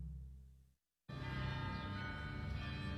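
Dense, swirling bell music: many overlapping ringing tones layered into a continuous shimmering wash, starting after a low hum and a brief moment of silence.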